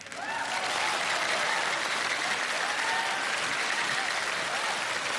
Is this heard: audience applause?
yes